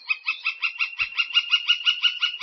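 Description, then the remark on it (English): A gilded flicker, a large tan, speckled woodpecker with a bright red mustache, calls in a steady, rapid series of about a dozen bright, nasal notes, evenly spaced and fairly loud, with no voices present. “The gilded flicker is a large woodpecker, tan, speckled, and with a bright red mustache.”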